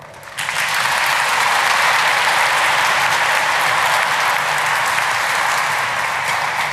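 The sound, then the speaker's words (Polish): Sustained applause from a sizable audience at the opening of a pilgrimage fills the space, starting abruptly and holding steady and loud for several seconds with dense, crackling clapping and no talking. “Myślę, że wielkie brawa.”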